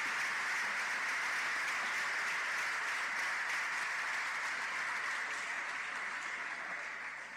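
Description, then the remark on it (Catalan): A crowd at a Festa Major event applauds steadily for several seconds, a dense, even wash of many hands clapping at once that stays loud throughout and only eases slightly at the very end. “un fort aplaudiment per tots ells.”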